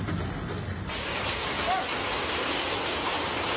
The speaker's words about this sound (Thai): ทุกคนลูกเห็บตก เห็บตกเยอะแยะเลยตายแล้วตายแล้ว โอ้ my god หลังจากฝนตกน้ำท่วมตอนนี้ฝนตกหนักมีลูกเห็บ